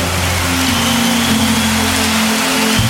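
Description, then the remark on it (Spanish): A church audience applauds for the Lord with dense, steady clapping that fills all three seconds at a fairly loud, even level, while a low sustained hum drones underneath. “Ese aplauso más fuerte para el Señor.”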